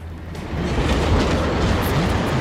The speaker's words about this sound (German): Nur noch wenige Meter trennen den rasenden Zug von Schrage.